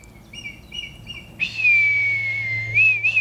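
Faint birds chirp briefly, then a man whistles a long, steady tone to communicate with red kites, drifting slightly lower before lifting in a couple of short rising turns at the end.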